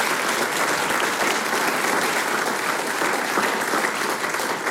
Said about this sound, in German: Ja, ein Applaus.